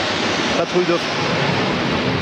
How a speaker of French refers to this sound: La patrouille de France est en train de nous survoler, vous l'entendez ? Oui.